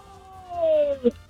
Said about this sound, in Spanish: Bueno, se escuchó muy lejos, pero al fin y al cabo fue el grito.